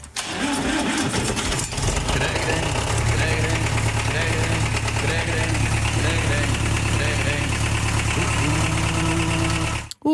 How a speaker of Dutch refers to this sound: Maar de vraag is, wie hoor je op de trekker? Wie zit hier zo lekker op de trekker mee te zingen met zijn eigen muziek?